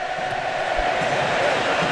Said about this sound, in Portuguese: se liga só, olha a festa da torcida argentina lá em Miami.